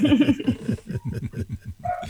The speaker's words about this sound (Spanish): ¿Es perro o perra? Es el perro de mi vecina, ni siquiera es mi perro. Es el perro de mi vecina que cada vez que mi vecina lo deja solo, entra a ladrar así constante y sonante